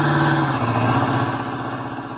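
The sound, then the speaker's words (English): A car engine hums loudly and steadily as a car comes along a road, its pitch dipping slightly as it rolls past, then easing off a little toward the end. No voices. “Duck, here comes the car.”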